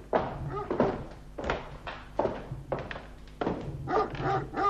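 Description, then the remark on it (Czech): A dog barks repeatedly and loudly, about seven sharp barks in an uneven rhythm with short pauses between them, with no talking. “Doufám, že mě ten váš ďábelský pes nechá projít.”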